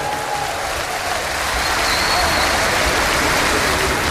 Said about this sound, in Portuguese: Uma salva de palmas aqui para o … nas guitarras e ….